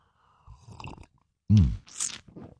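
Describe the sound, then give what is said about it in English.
Someone takes a noisy slurp of hot coffee in the morning, with soft mouth noises first, then a short voiced grunt and an airy, hissing intake of breath. “It's the morning slurp.”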